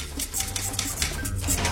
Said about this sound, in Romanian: Autorul bate la mașină. Rafală!